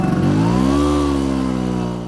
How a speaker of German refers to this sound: Es ist ein vertrautes Geräusch für die Menschen in Italien. Eine knatternde Vespa, gespeist mit einer Mischung aus Öl und Benzin, die durch die Gassen braust. Doch zuletzt ist das Knattern seltener zu hören.